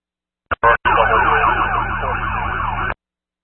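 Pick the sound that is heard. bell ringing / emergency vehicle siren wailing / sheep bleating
emergency vehicle siren wailing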